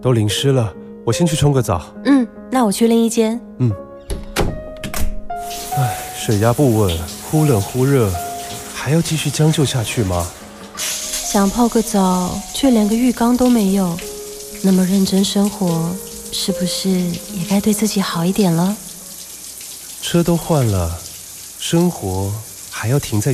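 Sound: shower water running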